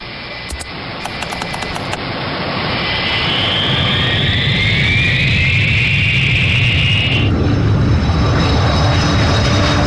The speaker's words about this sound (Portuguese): A fé é o ponto inicial. Como a partida de um avião.